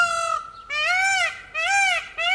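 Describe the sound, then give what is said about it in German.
A peacock calls three times in quick succession, each a loud, nasal, wailing cry that rises and falls. It is alone, with no voices, in the town of Bad Zwesten in the Schwalm-Eder district, Germany. “Bad Zwesten wird von einem Pfau unsicher gemacht.”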